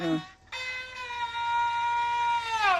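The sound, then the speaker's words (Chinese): A zhuihu, a Chinese bowed fiddle, mimics a rooster's crow: a brief opening note, a pause, then one long sustained bright tone rich in overtones that bends downward at the end. “你看， 公鸡叫。”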